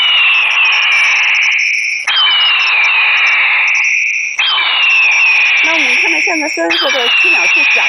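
A loud solar-powered, high-volume flashing bird repeller, being tested on pigeons, plays harsh, high-pitched screeches simulating large hawk calls to drive birds away: four long descending cries in a row, each starting abruptly after a brief gap, with faint chirps under the last ones.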